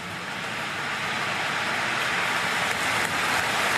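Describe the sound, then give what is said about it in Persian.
Applause from several hundred thousand people outside a church, coming into the church like a wave after a speech by Diana's brother: a dense, steady roar of countless hands clapping that blurs into a continuous wash of noise, swelling slightly toward the end with no voices standing out. “بعد از سخنرانی صدای کف زدن چند صد هزار نفر از پشت دره کلیسا مثل یه موج وارد کلیسا شد.”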